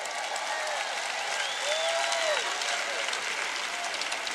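A crowd applauds steadily, a dense wash of clapping sustained at an even level throughout, with a brief whistle rising and falling partway through.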